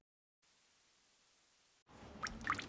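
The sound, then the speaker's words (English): Water drips from a ceiling vent indoors: a soft steady hiss, then a couple of distinct plinking drops near the end over a low splashy rumble, fairly quiet overall. “Hey, it's your ceiling vent, so I'm dripping.”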